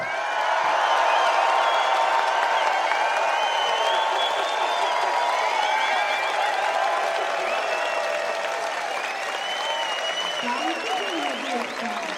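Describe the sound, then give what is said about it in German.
A large audience bursts into sustained, loud applause as a female performer is introduced on stage. Cheering and whoops rise above the clapping, which continues steadily for several seconds before tapering slightly. “Denke, ich sage jetzt ihren Namen, dann klatschen man ein paar. Weit gefehlt.”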